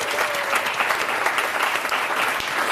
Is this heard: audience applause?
yes